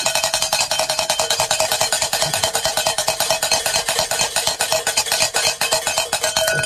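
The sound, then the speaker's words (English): A hand bell rings rapidly and steadily for several seconds, with bright metallic clangs repeating in a fast, even rhythm and no voices over it. “Where is my bell?”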